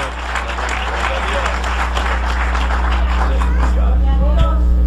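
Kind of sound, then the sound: crowd, audience applause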